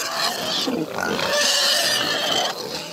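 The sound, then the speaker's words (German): Pigs grunting and squealing as they romp wildly in a pigsty with feed, a dense, continuous chorus of high-pitched squeals and snorts, loud and agitated throughout with no pause. “Ja, hier spielen die gerade wilde Sau im Schweinestall.”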